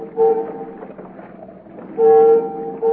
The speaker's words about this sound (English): Those ferry whistles. They're signaling us.